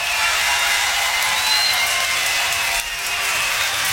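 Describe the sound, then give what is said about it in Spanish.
A crowd breaks into loud, sustained applause for surprise guest a singer of a band, a dense and steady wash of clapping that fills the whole few seconds with no voices on top. “¡Fuerte el aplauso!”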